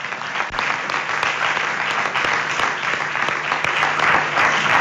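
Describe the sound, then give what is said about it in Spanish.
Steady audience applause fills the whole stretch, a dense wash of many hands clapping at once, fairly loud, with no voices standing out. “Le damos un aplauso a ella”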